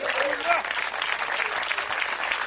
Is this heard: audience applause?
yes